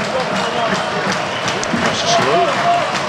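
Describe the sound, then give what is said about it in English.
A stadium crowd cheers and applauds in a steady, dense roar that swells slightly toward the end, with indistinct voices rising and falling within the noise. “Lots of cheering going on.”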